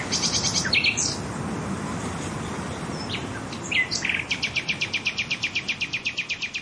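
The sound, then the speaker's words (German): A nightingale sings clearly, starting with quick chirping phrases, then a fast run of repeated pulsing notes, all over a steady, soft background wash. “zusammen mit einer Nachtigall.”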